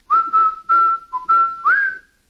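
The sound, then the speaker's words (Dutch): A person whistles a short tune for their parrot, a run of clear, steady notes in quick phrases with one brief dip and a final rising note, with no talking. “In het origineel fluit het baasje dus het deuntje voor zijn papegaai”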